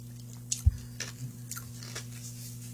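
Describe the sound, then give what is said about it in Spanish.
Crunching of someone chewing ice, a handful of sharp, brittle bites spaced irregularly over a few seconds, with a low steady hum underneath and no talking. “Me gusta masticar el hielo.”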